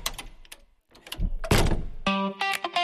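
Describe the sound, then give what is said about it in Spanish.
A heavy Eurosegur armored door swings shut with a solid thud and metallic latching clatter, followed by a sustained mechanical, buzzing tone as the locks engage; no voices. “Hola, soy tu futura puerta Eurosegur, la que va a cuidar tu hogar junto con Accor System Puertas Acorazadas en calle Colón 14, Cuenca.”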